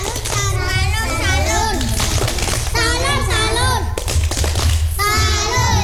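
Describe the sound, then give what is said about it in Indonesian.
A group of children in class perform a 'tepuk salut' clap salute, chanting in unison while clapping and thumping along in a steady rhythm, loud, with brief pauses between chanted phrases. “Tepuk salut.”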